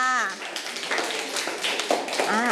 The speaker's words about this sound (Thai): ถึงแม้ว่ากลุ่มที่1นะคะจะเสร็จเป็นกลุ่มสุดท้ายแต่ในทุกๆกลุ่มนะคะสามารถแยกสินค้าและบริการได้ถูกต้องทั้งหมดเลยปรบมือให้กับตัวเองด้วยค่ะ